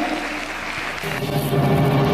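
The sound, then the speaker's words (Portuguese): A church audience applauds in praise of God for two people healed of coronavirus, in a dense, steady wash of clapping that grows slightly louder midway, with voices starting to cheer and call out underneath. “Então aplaudo graças o nome do a Senhor Deus.”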